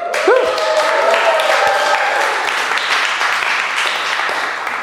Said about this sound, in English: Give yourselves a cheer.